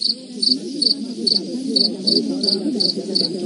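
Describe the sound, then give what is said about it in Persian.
A cricket-chirp sound effect, laid over a cut-off speech by Ghalibaf, chirps steadily in short, evenly spaced bursts, about two or three per second, bright and continuous over a low, muffled background murmur. “الو صدای قالیباف هم قطع کن، روش صدای جیرجیرک بذار.”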